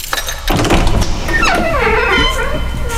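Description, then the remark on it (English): A door into room number one opens with a dull thunk followed by a long, wavering creak of its hinges, fairly loud, with no one speaking. “Well, open the door, but go into room number one first.”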